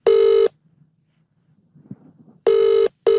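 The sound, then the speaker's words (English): An outgoing phone call to the man behind a band rings: a steady electronic ringback tone sounds, pauses in near silence with faint shuffling, then rings again, clear. “and I thought, let's just phone this guy out and have it out.”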